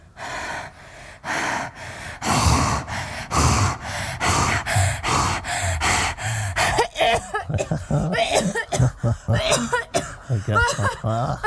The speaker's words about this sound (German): Nur mit Ihrem Husten, da müssten wir mal was unternehmen.